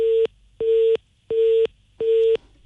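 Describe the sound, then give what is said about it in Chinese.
A telephone busy signal after a car dealership's sales manager hung up a call: a steady electronic tone pulsing on and off in an even rhythm, four clear beeps with short silences between, loud and with no voices. “应该是4S店这边把电话挂了。”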